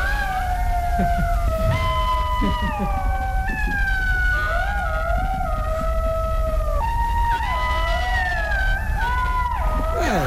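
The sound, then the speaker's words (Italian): A chorus of golden jackals howling together, several high wavering voices overlapping in rising and falling wails that continue without a break, loud over a low background rumble. “Ecco, è il verso immancabile. È simile a un lupo, è un lupo grigio nell'aspetto, e anche se è più piccolo. È lo sciacallo dorato.”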